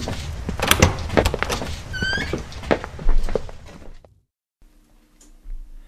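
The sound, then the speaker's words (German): A door opens as three people step through into a cosily furnished study, amid a flurry of clunks, rattles and a brief rising creak, then everything drops to near silence, leaving only a faint low hum. “Als Desdemona, Nymphoras und Rachel durch die Tür traten”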